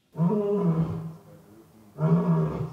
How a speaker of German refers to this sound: Der frisch gebackene Löwenpapa Boti ruft.